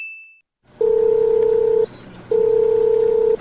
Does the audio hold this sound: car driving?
no